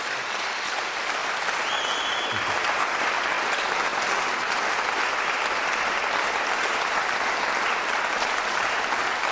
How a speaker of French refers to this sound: et bravo encore, je crois qu'on peut encore une fois l'applaudir pour ce magnifique récital.